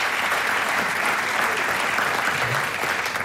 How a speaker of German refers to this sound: Sie können noch mal klatschen, damit dort Fotoschmuck wart.